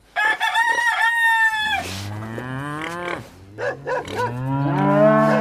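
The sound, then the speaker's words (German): A farmyard scene on a farm: a rooster crows loudly near the start, then a cow lets out long, deep moos while chickens cluck and squawk around it, busy with no talking; a dog also barks. “Ich habe einen Hahn gehört. Ja, ich habe ein paar Hühner, eine Kuh, glaube ich auch.”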